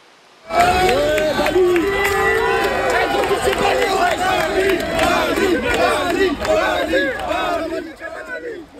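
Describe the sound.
A large crowd of protesting students in Saint-Denis, France, shouts and yells in a dense, chaotic roar of many overlapping voices as gendarmes use gas to disperse them. It is loud and sustained for several seconds before easing slightly at the end.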